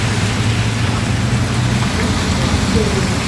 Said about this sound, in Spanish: Saludos desde Highland, Norte Carolina. ¡Qué bárbaro, por Dios! ¡Cuánta lluvia!